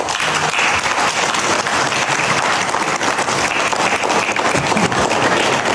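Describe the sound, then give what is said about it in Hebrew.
Sustained applause from a large group at a formal dinner in the Palace of Versailles as President Trump signed the agreement with Iran, a dense, steady wash of clapping that holds at an even loudness throughout, with faint crowd murmur beneath and no clear speech. “בארוחת ערב חגיגית בארמון ורסאי חתם הלילה הנשיא טראמפ על ההסכם עם איראן וזכה למחיאות כפיים.”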